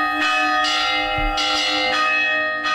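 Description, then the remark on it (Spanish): Church bells ring loudly, several strikes following one another at an unhurried pace, each rich metallic peal ringing on and blending into the next, with no voices. “El sonido de las campanas ha servido también durante siglos para comunicar a grandes distancias gracias a los campanarios de los pueblos.”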